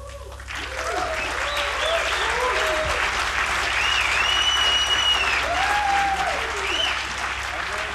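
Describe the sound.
Sustained applause from a live concert audience for a Lebanese sextet, a dense steady wash of clapping that holds at an even loudness for the whole stretch, with faint cheers and voices mixed into the crowd.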